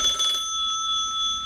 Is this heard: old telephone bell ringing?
yes